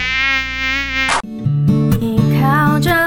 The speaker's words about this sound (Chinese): 怎么那么多苍蝇？不要过来啦！啊，不要再跟着我了！ 你马帮帮忙，哪有人像你？省水省到不洗头，难怪招来那么多苍蝇。